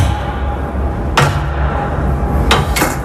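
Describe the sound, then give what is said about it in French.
A heavy grating trapdoor, serving as the door to an office and giving access to a large space beneath, is hauled open with a loud metallic clank, followed by two sharper bangs close together, all over a steady low mechanical hum with no one speaking. “Sous la trappe en caille boutique que je vais vous ouvrir maintenant.”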